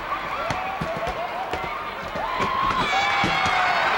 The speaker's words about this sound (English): He walks over and the crowd, well, sort of mixed. Some cheering and some booing. That's usually the way you find a wrestling crowd.